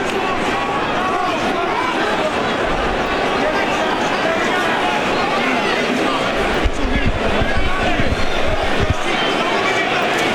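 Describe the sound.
A boxing crowd at the Anthony Joshua versus Vladimir Klitschko fight roars and cheers continuously to encourage Joshua, a dense wall of voices swelling louder toward the end, with a commentator talking over the noise.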